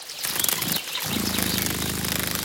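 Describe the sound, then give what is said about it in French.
Dragonfly wings buzzing by a pond: a breathy, rustling whoosh gives way to a steady, low, rapidly pulsing whir that holds on to the end, with no voices. “Cette bestiole fait un bruit très léger qui ressemble à un vrombissement.”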